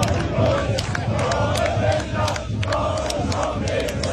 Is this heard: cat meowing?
no